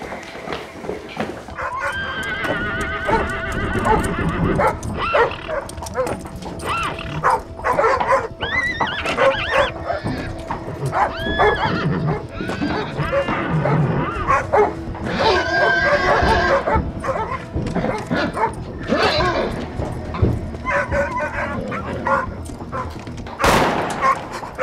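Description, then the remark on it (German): Several dogs bark and yelp in a dense, overlapping chorus that runs almost nonstop and loud, with other animal noises mixed into the commotion. “Das mit den Schafen und so, das waren die ganze Zeit die Hunde vom...”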